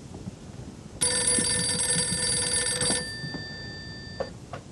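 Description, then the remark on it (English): A telephone bell rings loudly in one sustained burst of about two seconds, its bright metallic tones briefly lingering before fading away, with no one speaking. “Praise God, the phone!”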